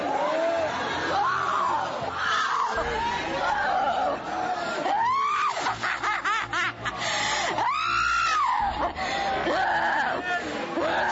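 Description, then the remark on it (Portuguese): A crowd of voices screams and shouts together during an exorcism at a church service, loud and unbroken, with shrill wails rising and falling over a dense, chaotic babble for the whole stretch. “Vai gritando, Jesus queima ele.”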